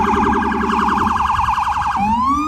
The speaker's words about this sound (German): Die Sirenen der Polizei und Rettungsfahrzeuge erträgt nur, wer sich die Ohren zuhält.